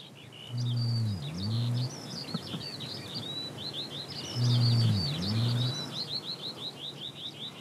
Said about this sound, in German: Auch im Juli wird immer noch gebalzt, gebrütet und gebrummt. Zum ersten Mal hören wir deutlich den Nandu-Ruf.